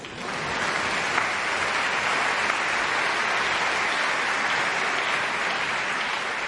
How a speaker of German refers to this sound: Und nochmal extra Applaus für die Janitscharenkapelle heute Abend.